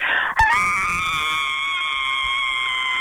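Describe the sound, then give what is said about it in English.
A single long, piercing high-pitched scream from a woman calling in from Drewvale, loud and held steadily for about three seconds after a brief breath-like onset, with no talking over it. “One more scream for us.”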